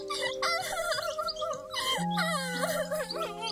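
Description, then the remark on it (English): Small birds chirp and warble, several bright, wavering calls overlapping in a busy, continuous chatter over a steady low hum, with no talking. “Yikes, silly birds. You're the best birds ever.”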